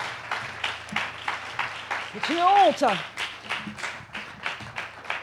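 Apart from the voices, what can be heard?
audience applause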